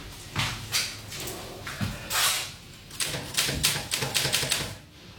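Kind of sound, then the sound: machine, typewriter typing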